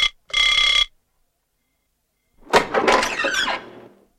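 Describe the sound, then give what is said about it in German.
A single short, bright doorbell ring sounds clearly as an employee of the castle hotel rings at the Lord's door at 10 a.m., then silence, and after about two seconds a louder burst of rattling, clattering noise follows. “Um 10 Uhr vormittags klingelte ein Angestellter des Schlosshotels an der Tür des Lords.”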